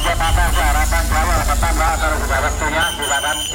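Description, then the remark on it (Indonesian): Steady low engine rumble of idling buses fills the busy Terminal Purabaya bus terminal in Surabaya, with overlapping voices of a crowd of passengers chattering in the background throughout. “Hiruk pikuk para penumpang dan kendaraan bus ini terjadi di Terminal Purabaya, Surabaya.”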